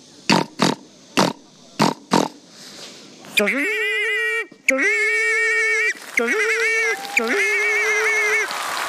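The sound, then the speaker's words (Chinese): In a sound-imitation challenge before a live audience, a person imitates a pig with five quick, rhythmic snorting grunts, then shifts into long, loud, high-pitched squeals broken by brief pauses. “第一种声音，给我学一只猪。”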